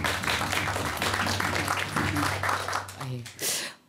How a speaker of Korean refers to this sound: 교수님께 큰 박수 부탁드리겠습니다.